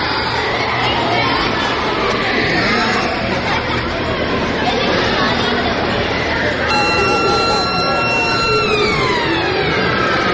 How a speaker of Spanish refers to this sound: Ha sido la primera sirena del curso, la que ha marcado el arranque de este curso 26-27, que hoy ha empezado para la mayoría de nuestros chiques.